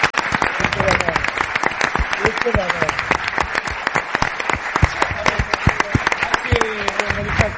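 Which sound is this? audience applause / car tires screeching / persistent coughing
audience applause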